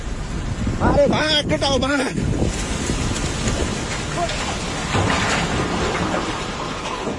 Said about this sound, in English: A huge wave of water, mud and debris that swept everything in its path. This is the sound from a video taken by a workman in Nepal who sees the water approaching and starts running uphill.